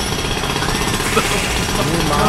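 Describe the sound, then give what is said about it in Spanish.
A loud drill runs continuously, a harsh, dense mechanical roar with steady intensity throughout. “Eso fue lo que tú grabaste ahorita cuando estábamos fuera del aire. Dios. El taladro.”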